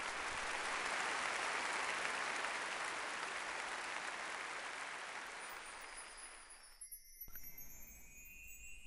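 Dense, thunderous applause from a large theater audience at the end of the Qinqiang opera scene "Gui Yuan" roars steadily for several seconds, then thins and fades out near the end, leaving a few faint clinks and a thin high tone.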